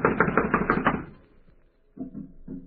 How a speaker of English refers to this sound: It's locked from the inside. Well, someone is definitely in there. I'm going to knock. Now listen closely.